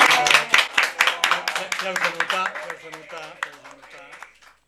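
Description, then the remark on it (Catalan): A burst of applause from a studio audience filling a studio in Canyamans, a dense patter of many hands clapping at once, loud at first and then fading over a few seconds as voices start talking over it. “Un aplaudiment.”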